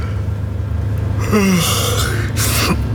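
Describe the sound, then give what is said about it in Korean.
A man on a moving bus, just startled awake from dozing, gives a single drawn-out yawn, rising into a breathy stretch and sliding down in pitch before trailing off with a soft exhale, fairly loud over a low steady hum. “하품이 나왔다.”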